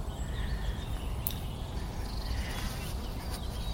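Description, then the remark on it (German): A steady, low buzzing of bees fills the whole stretch, fairly quiet and continuous, with a few faint bird chirps in the background and no talking, part of a radio play recorded with 3D sound and dummy-head binaural stereophony. “Hört ihr da schon die Bienen?”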